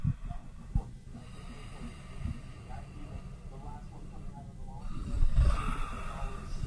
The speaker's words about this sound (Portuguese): Tem um tigre aqui do meu lado. Ah. Deixa eu baixar o volume aqui da TV, que tem um pouquinho de volume da TV.